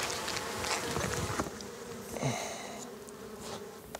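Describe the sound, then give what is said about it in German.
A dense, steady drone of many honeybees buzzing at the hive, continuous, with individual bees whirring past over the constant hum, as beekeepers take honey from the hive. “So, müssen wir die noch überzeugen, dass sie uns den Honig geben. Das kommt nicht immer so gut an.”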